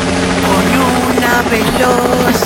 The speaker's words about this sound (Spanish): Oye, mi gordita, el helicóptero.